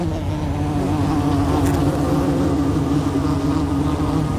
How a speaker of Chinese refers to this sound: 这种蜜蜂的身体毛茸茸的，颜色鲜艳，不断地绕着它们的小群落嗡嗡作响。这些蜜蜂生活在一起，但并非偶然，它们都有自己的地下小洞，而且必须自己挖掘。